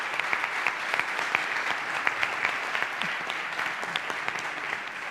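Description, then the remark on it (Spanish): Steady audience applause for students from four municipalities in the province of Huelva (Calañas, Nerva, Valverde and La Rábida), with dense, crackling clapping from many hands, holding at an even loudness for several seconds with no voices over it. “Un aplauso otra vez, este es para vosotros.”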